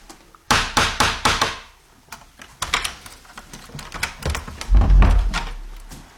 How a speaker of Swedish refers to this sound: Så innan man går ut genom den här dörren så ska man knacka då via den här lilla dörrknackaren för att man inte ska överrumpla den som sitter där ute. Ska vi knacka? Det gör vi.